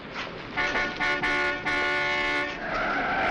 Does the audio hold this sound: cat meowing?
no